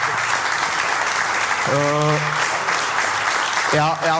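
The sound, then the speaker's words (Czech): A room full of people claps steadily in a dense, continuous wash of applause, with a couple of brief voices calling out over it. “Můžete klidně tleskat, jo, je to samozřejmě”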